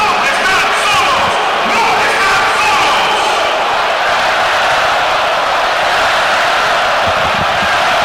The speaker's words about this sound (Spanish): Y el estadio responde espectacularmente ante el aplauso del jefe Gianni Infantino, posicionado junto a Mikel Arriola en el palco de autoridades,